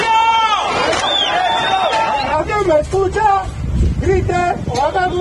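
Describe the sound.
At a rescue site amid collapsed buildings in the city of Cali, a crowd of voices shouts over a noisy hubbub, then falls into a loud, rhythmic chant of a trapped young woman's name, the same short syllables repeated in quick, even bursts.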